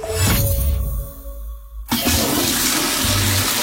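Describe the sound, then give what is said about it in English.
A toilet flushes: a loud rushing gurgle of water that briefly drops away, then surges back into a broad, roaring swirl down the drain. No one speaks. “If you flush other stuff, even flushable wipes, they can clog pipes and cause big, yucky blockages.”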